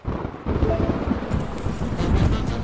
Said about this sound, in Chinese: 真倒霉，刚上高速的时候还是晴天的，怎么就突然开始打雷下雨了？ 夏天嘛，雷暴天气活动频繁，不过还真不能小瞧雷雨天。